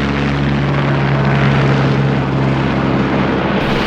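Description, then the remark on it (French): A flying taxi aircraft being tested in New York, United States, drones steadily overhead, its rotors giving a loud, continuous whirring hum with a low tonal buzz that holds for several seconds, with no voices. “Un taxi volant vient d'être testé à New York, aux États-Unis.”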